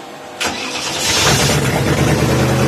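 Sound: car engine starting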